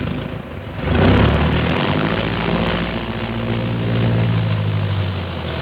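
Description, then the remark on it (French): Aircraft engines are started up before takeoff, roaring to life and swelling into a loud, steady rumbling drone with low throbbing harmonics that holds dense throughout, with no voices. “Dans un fracas de tonnerre, les moteurs sont mis en marche.”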